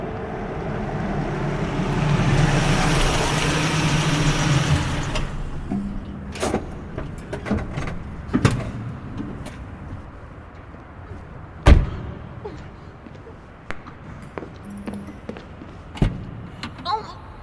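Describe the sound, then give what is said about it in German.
A car approaches with a swelling rush of engine and tire noise, its headlights flooding in from the entrance, then slows to a low idle as scattered clicks and thumps sound, like it rolling to a stop on an employee parking lot. “Plötzlich flutete Scheinwerferlicht von der Einfahrt herein.”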